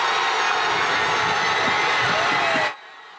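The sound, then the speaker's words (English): A dense, loud roar of more than 100 soccer fans, many supporting Spain, cheering and shouting at a World Cup watch party in True North Square, Winnipeg, steady for nearly three seconds before it cuts off abruptly into near silence. “More than 100 people packed the square for the watch party, chanting and cheering for both teams.”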